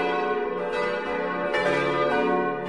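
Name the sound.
church bells ringing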